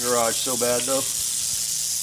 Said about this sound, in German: Das ist unsere rote Diamantklapperschlange, eine der 2 häufigsten Arten hier. Sie ist ziemlich sauer, will unbedingt in diese Garage, aber daraus wird nichts.